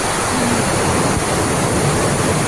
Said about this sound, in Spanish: Chiquillos, son granizos, está granizando, el video es impresionante, parece que lo tiraran con balde, es increíble. Es lluvia más granizo, muchachos.